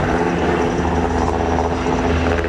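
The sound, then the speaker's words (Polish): An S-70i helicopter of the GROM military unit's aviation team drones steadily overhead during a special forces exercise recapturing a ferry, its loud rotor and engine noise forming a continuous, dense roar with a low throbbing hum throughout, and no voices. “W działaniach bierze udział grupa specjalna z Formosa przy wsparciu śmigłowców S-70i Zespołu Lotniczego Jednostki Wojskowej GROM.”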